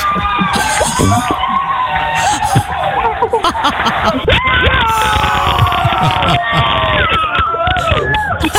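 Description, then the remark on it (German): A studio crowd on the Moin Show of Antenne Niedersachsen cheers loudly and continuously as a final for 10,000 euros is confirmed, with excited shouts, whoops and high-pitched screams layered over dense babble, staying at a steady high level. “Großer Jubel bei uns in der Moin Show, denn in diesem Moment war klar, wir haben ein Finale um 10.000 Euro.”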